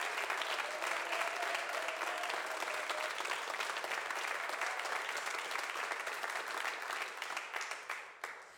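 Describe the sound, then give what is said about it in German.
An audience at the Ö1 mobile radio studio, set up in an outbuilding of a castle complex, breaks into sustained, dense applause, many hands clapping together at a steady loud level before the clapping thins out and fades near the end. “Schicken Sie doch gleich einmal ein kräftiges Lebenszeichen hinaus zum Publikum an den Radios.”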